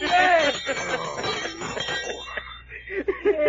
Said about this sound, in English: Well, this ain't no alarm clock. What is it then? Well, this here, sir, is a dinner gong. What? A dinner gong. It don't even work like no alarm clock.